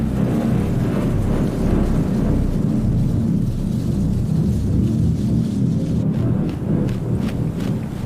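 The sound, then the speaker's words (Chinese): A deep, continuous rumble of thunder from an approaching thunderstorm rolls beneath steady gusting wind, holding at a fairly loud, even level throughout with no voices present. “欧戈东妈妈加紧捕捉昆虫，她也在为暴风雨做准备。”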